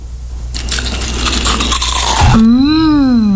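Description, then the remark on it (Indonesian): Loud crunching of crispy kerupuk gombal, Madiun crackers made from tapioca flour, salt and garlic, a dense crackly burst lasting about two seconds, then a drawn-out voiced hum of approval with no words. “Renyah ya, gurih lagi. Bungkus satu lagi ya Bu, kerupuk gombalnya, enak banget.”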